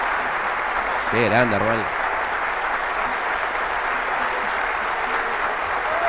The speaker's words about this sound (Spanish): Aplausos para Armani.